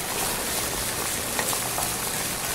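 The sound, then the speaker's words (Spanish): Steady, dense sizzling of food frying in hot oil as ground saffron, garlic and coarse salt are poured in with two bay leaves, a continuous hiss with tiny crackles throughout and no voices. “Sal de grano y voy a vaciarlo a lo que estoy friendo.”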